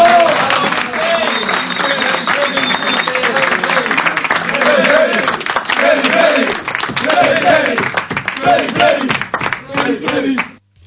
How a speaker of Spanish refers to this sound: Entonces, bueno, aquí les voy a dar un aplauso porque se lo merecen. ¡Vamos!